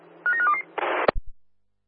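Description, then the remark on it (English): A quick run of four or five short electronic keypad beeps as a phone number is dialed, followed by a brief burst of hiss and a sharp clunk, like a handset being handled. “can you phone the CSA 1 phone number, please?”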